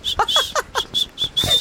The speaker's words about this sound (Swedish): Så där lät det också när jag lärde en vissla som fyraåring.